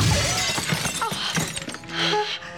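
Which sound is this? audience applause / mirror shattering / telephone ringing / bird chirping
mirror shattering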